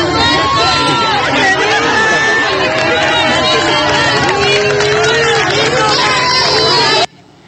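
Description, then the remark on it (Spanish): A large, lively crowd cheers and applauds a priest blessing people with holy water, with overlapping shouts, laughter and clapping forming a loud, continuous roar that cuts off abruptly near the end. “y en medio de aplausos, risas y todo, le celebran al padre la dinámica de bendecir a las personas con agua bendita.”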